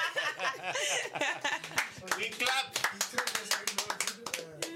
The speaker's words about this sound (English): We clap.